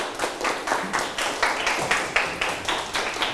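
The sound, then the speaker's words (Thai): A group of students in a class applauds to encourage a group of classmates after a class activity, a dense, steady patter of many hands clapping together at a brisk, even pace, with no talking over it. “ปรบมือให้เพื่อนเป็นกำลังใ”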